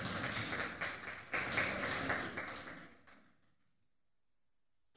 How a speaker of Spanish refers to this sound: Denle un aplauso al Rey de Reyes, Señor de Señores. Amén.